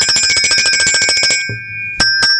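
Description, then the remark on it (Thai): A small red metal bell rings in a rapid, bright trill for over a second, then falls quiet and follows with two separate clear, loud dings, with no voices. “ส่วนพี่คนนี้เราต้องดูแลอย่างดีเลยเขาโดนน้ำไม่ได้เดี๋ยวเขาเป็นสนิมเขาเป็นโลหะครับพี่กระดิ่งสีแดงนะครับพี่กระดิ่งหลบฝนดีๆนะนะ”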